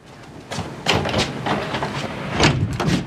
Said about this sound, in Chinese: 开门， 不知道。 哎，门怎么还锁着呢？锁门干嘛呀？ 这， 开开门。